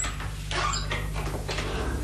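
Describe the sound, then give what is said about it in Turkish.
A house door is pushed open with a few scraping, rustling movements over a steady low background hum, moderately loud, with no one speaking. “Aa, gerçekten açıkmış.”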